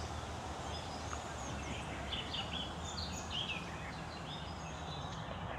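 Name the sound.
birds chirping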